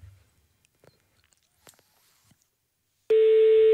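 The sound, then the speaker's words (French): After a few seconds of near silence with faint handling clicks, a loud, steady telephone ringback tone from a call to a campsite suddenly comes on and holds through the end, buzzy. “Ça sonne, on va avoir quelqu'un, je vous le dis.”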